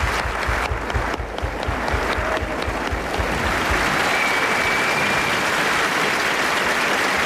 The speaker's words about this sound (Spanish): Y un aplauso también para su última entrevistada, que ha sido Nell Harper Lee.